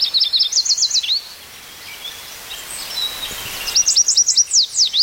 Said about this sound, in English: That's the yellow warbler.